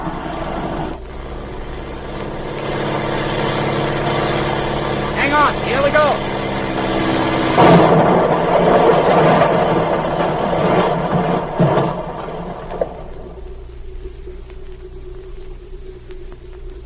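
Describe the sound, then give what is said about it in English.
An airplane engine drones steadily as the plane lands on a field, its harmonic roar swelling louder midway with a rising whine, then dropping to a low rumble at the end. A man speaks briefly over it. “Hurry, the plane's turning around. They're going to take off.”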